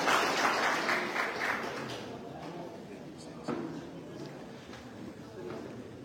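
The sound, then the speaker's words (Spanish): An audience at a ceremony breaks into loud, dense applause to welcome a group of performers, thinning out after a couple of seconds and leaving scattered claps and a low murmur of voices underneath. “Los recibimos con fuertes palmas.”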